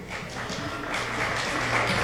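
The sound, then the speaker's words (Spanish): An audience applauds steadily, a dense wash of many hands clapping at an even, fairly loud level for about two seconds, with no voices standing out; welcoming the musicians at the start of a concert of music by composer Abundio Martínez. “Vamos a recibirlos con ese cálido y fuerte aplauso.”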